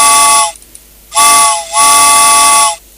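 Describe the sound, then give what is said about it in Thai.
A steam train whistle sounds three loud blasts, two short and one longer, with a hissing, breathy edge and brief quiet gaps between them. “เอาละค่ะรถไฟมาไหมวันนี้รถไฟมาสักนิดนึงก็แล้วกัน”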